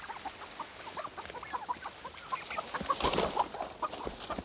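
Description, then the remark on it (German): Several turkeys cluck and chatter in short, repeated bursts while hiding behind bushes in a front garden, with rustling and brushy noise around them and no talking. “Die Puten haben sich derweil hinterm Gebüsch versteckt.”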